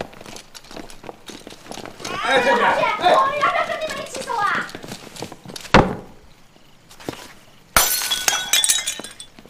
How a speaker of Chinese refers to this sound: 你这个死丫儿啊，刚买的碗又让人砸了你！